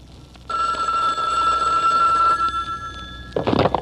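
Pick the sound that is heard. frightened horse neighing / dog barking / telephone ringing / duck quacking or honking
telephone ringing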